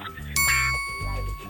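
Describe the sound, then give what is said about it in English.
A single bright doorbell chime rings out and lingers as it slowly fades, while voices talk quietly underneath; a man holding a bouquet of flowers is outside a house, repeatedly ringing the doorbell. “Yeah, he keeps ringing the doorbell.”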